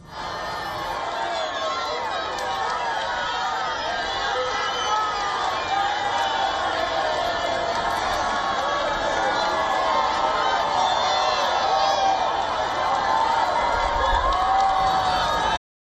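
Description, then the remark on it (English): A huge stadium crowd of around 80,000 people roars and cheers with applause as the Pope rides into the stadium arena on a golf cart, a dense, steady wall of many voices that stays loud and constant from start to finish, with no single speaker standing out. “Following this, the Pope rode on his golf cart into the stadium arena, where around 80,000 people welcomed him with applause and wild cheers.”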